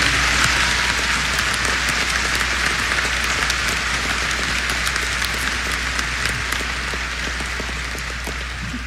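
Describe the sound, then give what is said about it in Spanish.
Steady, dense applause from a crowd of pilgrims from the Diocese of Zacatecas, welcomed at a pilgrimage: a continuous wash of many hands clapping at a fairly loud level that holds for the whole stretch and eases off slightly toward the end. No talking. “Vamos a darle un aplauso a ustedes, sean bienvenidos.”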